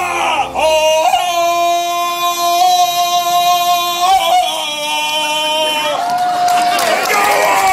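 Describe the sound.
A man competing in a Tarzan-yell contest, dressed in a costume resembling Fred Flintstone, belts out a loud, sustained Tarzan-style yell, his voice warbling and breaking in pitch several times over nearly eight seconds, with crowd noise and cheering faintly underneath.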